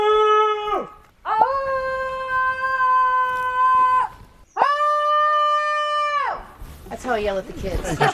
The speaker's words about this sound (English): shouting into the woods will give me balance, help me recenter. Ah! Ah! Ooh, you hear that? Everyone's determined to have a go.